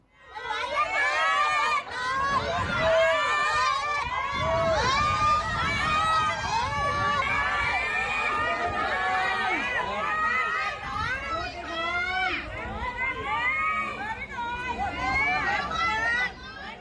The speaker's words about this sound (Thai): ชาวบ้านบอกเปิดหน่อยเปิดหน่อยเนี่ยแม่เฒ่าแม่แก่ลูกเด็กเล็กแดงมากันหมด ใช่มั้ย นี่ฮะเค้าไม่ไหวแล้วคุณผู้ชม